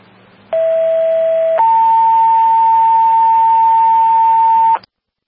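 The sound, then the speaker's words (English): A loud two-tone dispatch page: one steady electronic tone for about a second, then a higher tone held for roughly three seconds, over faint radio hiss with a low hum underneath. “Station 1, disregard tone.”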